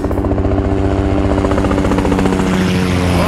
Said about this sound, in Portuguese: Rapaz, inclusive tá retornando e tá de helicóptero, cara.